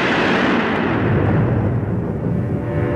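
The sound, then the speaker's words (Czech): A deep, continuous roar of thunder in a storm with wind, pouring rain, hail and lightning striking mountain peaks, rumbling steadily throughout, heavy low-end energy with a rough, crackling texture and no clear breaks or voices. “Vítr, liják, krupobití, blesky se tříští o horské vrcholy, skály se třesou a pitva hromů trhá vzduch.”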